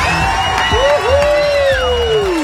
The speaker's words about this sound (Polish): Uwaga, tu stoi tłum ludzi z tyłu. Patrz, posłuchaj, jak oni wiwatują na twoją cześć.